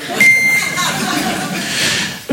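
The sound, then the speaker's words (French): A single short, high-pitched answering machine beep sounds near the start, a steady electronic tone lasting under half a second over a constant hissy, noisy background. “C'est une star internationale, il est là pour vous ce soir, mesdames et messieurs, le bip.”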